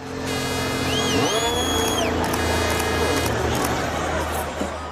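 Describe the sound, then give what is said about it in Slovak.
Several Formula racing cars roar and rev together at the start of a race, as the last of five lights comes on, pitches sweeping upward as they accelerate hard, a loud, dense mechanical din that holds steady throughout. “Nad autami sa postupne rozsvietila petica svetiel a ako napovel sa pri rozsvietení posledného z nich, všetky autá prudko rozbehli.”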